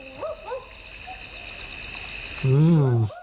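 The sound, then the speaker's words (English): A barking owl gives two quick, dog-like woofs, then a louder, longer, wavering call after a pause, all against a steady background hum of night insects. “Sounds like a barking owl for me. It is a barking owl.”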